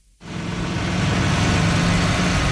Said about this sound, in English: Bulldozers and dump trucks are busy repairing dozens of damaged roadways from this weekend's major storm.